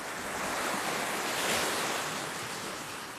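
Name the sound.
ocean waves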